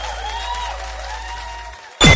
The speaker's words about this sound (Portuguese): palmas, só pode fazer barulho aí!